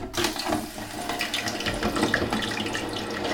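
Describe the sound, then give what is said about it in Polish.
Chicken, dried beforehand, bubbling loudly in a half-filled basket in deep fryer oil, a dense, steady sizzle with rapid crackling pops that continues strong throughout, with no talking. “Mimo że mięso było wcześniej wysuszone, i tak słychać jak głośno bulgocze, więc tak to teraz mamy.”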